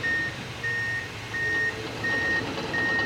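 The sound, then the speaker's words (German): A steady series of high, evenly spaced reversing beeps repeats about every 0.7 seconds over a low rumbling engine and busy background noise, from a truck backing up at a construction site on the northern part of Bettembourg station. “Schon sind da rund engem Mond aus der Chantier am nördlichen Teil von der Betebuscher gar am Gangen.”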